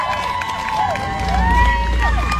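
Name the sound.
crowd cheering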